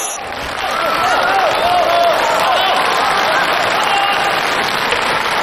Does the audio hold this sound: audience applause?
yes